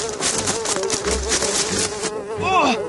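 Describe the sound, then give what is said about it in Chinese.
Bees buzz steadily in a forest throughout, a dense droning hum with a wavering pitch that rises and dips near the end, holding an even, fairly loud level with no talking. “才没有嘞，我是听到嗡嗡的声音，想说过来看一下啊。”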